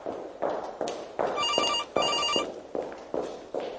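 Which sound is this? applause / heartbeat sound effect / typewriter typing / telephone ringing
telephone ringing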